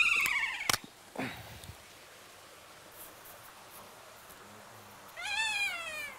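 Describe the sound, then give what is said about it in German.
Kea parrots in their aviary, greeting fresh snow, let out shrill, wavering screeches: one harsh burst at the start with a sharp knock, a brief falling cry, then another drawn-out screech near the end over a steady background hiss. “Man hört jetzt auch, wie sie hier rumschreien, wie sie diesen Schnee begrüßen sozusagen.”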